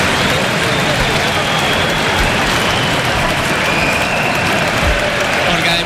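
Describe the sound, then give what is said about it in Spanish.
A large football stadium crowd applauds Switzerland's Embolo as he is substituted off the pitch: a loud, dense wash of clapping mixed with crowd noise that holds at the same level for the whole stretch, with no break or fade. “Pues este aplauso es para él.”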